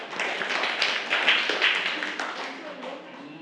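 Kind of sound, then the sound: crowd, clapping hands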